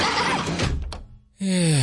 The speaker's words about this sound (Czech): Slyšíte? Dveře umíme na jedničku.